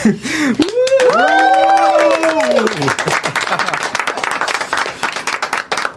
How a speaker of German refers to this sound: Und jetzt wollen wir natürlich nochmal der gesamten Redaktion danken. Und das machen wir am besten, weil anders können wir es nicht darstellen, mit einem kräftigen Applaus und ein Wuhu.